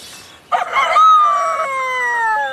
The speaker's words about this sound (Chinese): 这是什么声音？这是？ 是鸡，母鸡，刚下蛋的母鸡。